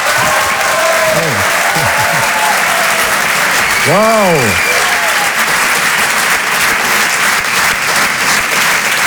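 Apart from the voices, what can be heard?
thunderous audience applause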